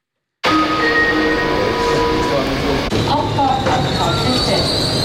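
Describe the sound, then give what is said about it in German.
A passenger train pulls into Artgoldau station, its wheels squealing with high, steady metallic tones over a continuous loud rumble, with faint voices in the background. “Ein Personenzug stoppt beim Bahnhof Artgoldau.”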